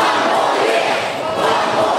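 A large stadium crowd of Brisbane fans chants and cheers for coach Chris Fagan as he weighs up retirement, one dense, sustained roar, loud and unbroken for the full two seconds with no single voice standing out.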